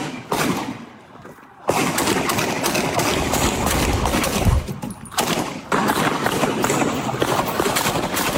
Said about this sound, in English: We also have body cam now when Kenosha police called in gunfire from a man who allegedly just killed a 33-year-old at a Kenosha bar. Here's that.